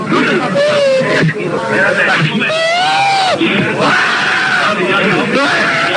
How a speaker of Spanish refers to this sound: Y está llorando.